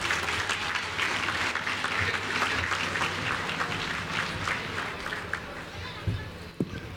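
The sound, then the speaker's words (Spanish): Steady audience applause for Pinos municipal president Armando Contreras Mata at the 2026 Pinos agricultural fair, a dense wash of many hands clapping at an even level, with a couple of sharper claps near the end as it tapers. “Un aplauso para él, gracias por acompañarnos.”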